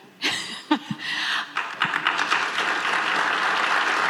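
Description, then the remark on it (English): Delegates at the Pacific Northwest Economic Region meeting in Edmonton burst into applause at talk of Alberta staying in Canada during Premier Danielle Smith's talk, starting with a few scattered claps and swelling into steady, dense clapping from many people that continues to the end. “Talk of Alberta staying in Canada, getting a round of applause during Premier Danielle Smith's talk about what the province can offer North America.”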